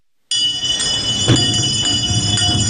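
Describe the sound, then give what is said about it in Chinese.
A hand bell rings steadily with a bright, metallic, sustained tone, fairly loud, with one sharper clang partway through and no talking. It is an old Beijing garbage-collection bell, calling households to carry out their dirt and refuse. “上了岁数的老北京人可能还记得这样的摇铃声，过去铃声一响，家家户户便拎着筐端着盆把脏土倒出来，这就是所谓的摇铃倒土。”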